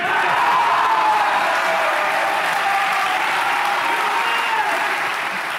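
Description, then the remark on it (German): A large crowd of Bavarians cheers and applauds steadily as Munich is announced the winner, dense clapping with scattered whoops filling the space at a loud, sustained level throughout. “Mit lautem Jubel wurde dieses Ergebnis unter den Bayern gefeiert.”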